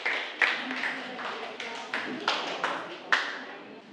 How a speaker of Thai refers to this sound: ก็คือกลุ่มที่1นะครับก็คือขอเสียงปรบมือให้กับกลุ่มที่1หน่อยนะครับ